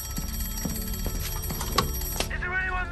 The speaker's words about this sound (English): to give one ring for something to the left, two rings for something to the right, but if the bird was dead ahead, as in this case, they had to give three sharp rings of the bell, and that is the sign that something is coming straight towards them.